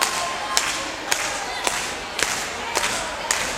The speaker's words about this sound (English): In order to get this next tune started, we need a little bit of hand clapping out there. Come on, we can do better than that. Let's see some hands up.